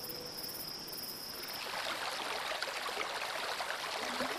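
A steady rush of flowing stream water in a canyon in a park swells in after a moment and continues as a dense, even hiss, with insects chirping faintly at the start.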